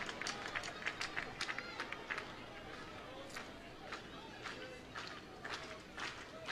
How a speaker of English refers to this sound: Crowd clapping in unison.